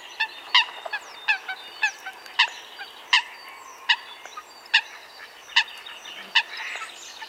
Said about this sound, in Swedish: Ja, nu undrar vi naturligtvis, vad heter den här fågeln? Jag tror att det är en sothöna.